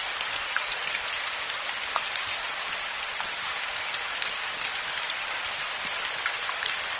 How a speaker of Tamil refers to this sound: ஆமா, அதுதான் மழை.